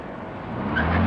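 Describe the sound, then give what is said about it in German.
A car engine revs, its pitch climbing and growing louder as the vehicle pulls away fast from a police check, with no voices. “Stellen Sie bitte den Motor ab.”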